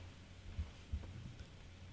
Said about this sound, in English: I love how he left his white noise going for all of us to hear.